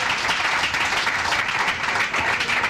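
Steady, dense applause from a religious audience clapping for the Lord, many hands clapping at once in a continuous, even roar with no pauses, and no voices standing out above it.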